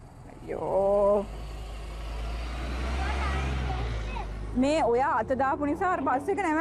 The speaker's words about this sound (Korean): 아까 동대구역에서 만난 아주머니가 넘버원을 외쳤던 것 같은데. 넘버원 버스 coming. 다행히 버스 번호를 잊지 않고 기억하고 있었네요.